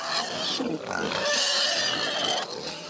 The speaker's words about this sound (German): Was ist denn hier los? Ja, hier spielen die gerade wilde Sau im Schweinestall.